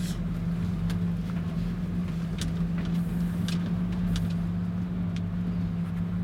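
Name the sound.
truck engine running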